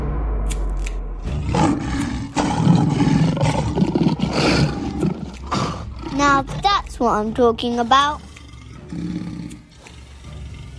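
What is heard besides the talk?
tiger roaring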